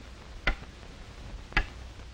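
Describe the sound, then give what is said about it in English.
A clock ticks twice, about a second apart, each tick sharp and distinct against a quiet background hiss with no voices. “That is one of the reasons why that clock ticked off a traffic accident in this state every 20 minutes.”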